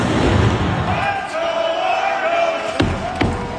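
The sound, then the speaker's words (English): A stadium crowd of over 16,000 at a Toronto Argos home game at BMO Field, Toronto, roars and cheers steadily, then former Blue Jay Kevin Pillar bangs a drum twice near the end, heavy booms that are loud and spaced about half a second apart. “That's former Blue Jay Kevin Pillar banging the drum, by the way.”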